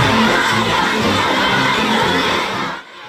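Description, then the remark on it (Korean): A crowd of flower children welcoming President Trump at a state-visit ceremony in China cheers and shouts in a loud, sustained roar of high-pitched voices, holding steady for nearly three seconds before cutting off abruptly. “화동들의 열렬한 환영에 트럼프 대통령이 잠시 멈춰 박수를 칩니다.”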